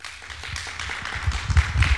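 A crowd breaks into applause, a dense wash of overlapping claps with a few low thumps underneath, holding steady and swelling slightly toward the end. No voices are heard.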